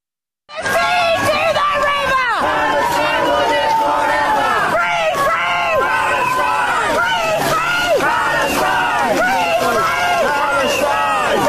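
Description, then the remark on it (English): A large pro-Palestine protest crowd shouts and screams continuously at the King as his gilded carriage makes its way to Parliament, many voices overlapping in loud, chanting bursts with rising and falling tones, dense throughout with no pauses. “Absolutely disgusting scenes as these pro-Palestine semi-human fanatics screamed their bile at the sovereign.”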